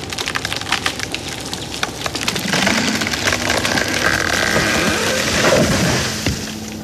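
A loud, steady motorized saw grinds continuously through a very thick tree trunk, thicker than the saw, its engine drone holding with crackling splintering noises throughout and no voices. The trunk is almost entirely hollow inside.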